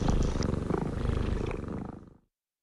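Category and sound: animal, cat purring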